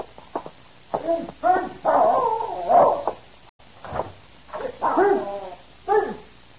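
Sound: dog barking and whimpering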